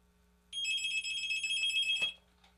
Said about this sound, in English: All right, we got phones ringing again. We're going to try it again.